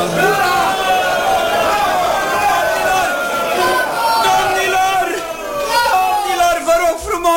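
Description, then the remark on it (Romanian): A large crowd shouts and cheers loudly and continuously, many voices overlapping in a sustained, excited roar with rising and falling calls throughout. “Vă rog frumos, nu mai strigați așa!”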